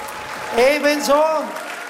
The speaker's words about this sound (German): Also die Blusenköpfe, einen kräftigen Applaus, bitteschön, auf die Bühne.